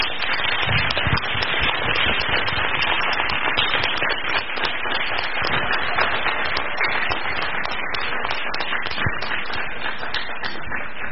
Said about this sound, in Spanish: Como que intentamos dar un aplauso, estaría bueno que diéramos el aplauso como debe de ser para...